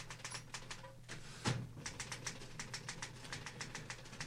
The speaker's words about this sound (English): Stop typing. I mean, don't type anymore. Come on, stop.